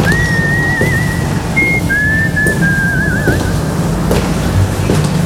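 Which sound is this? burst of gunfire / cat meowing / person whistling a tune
person whistling a tune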